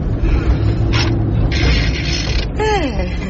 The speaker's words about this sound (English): He's got a nice smooth gear change, eh?